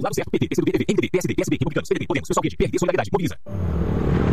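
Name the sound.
motorcycle passing outside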